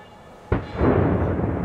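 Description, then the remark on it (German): Demolition charges detonate at a decommissioned coal power plant in Förde, bringing down the 90-meter-high boiler house and two side buildings, with a sudden sharp crack followed a moment later by a deep, loud rumble as 30,000 tonnes of steel collapse, swelling and rolling steadily to the end. “Erst die Zündung.”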